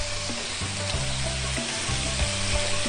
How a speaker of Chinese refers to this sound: 咱们直接，这个八角、花椒、桂皮、干辣椒这四样先下。 嗯。 稍微的去出一个香味儿， 嗯， 鸡肉下锅， 哇， 炒鸡炒鸡嘛， 对， 必须得炒。